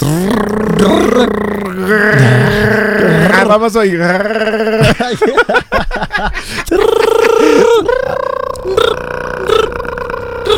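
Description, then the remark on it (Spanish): Voices imitate a cicada's (chicharra) buzzing for about 15 seconds, with loud, sustained, nasal drones that waver and slide in pitch, broken by a few short gaps, after a brief spoken start. “A ver, vamos a hacer 15 segunditos de chicharra, ¿no? De sonido de chicharra.”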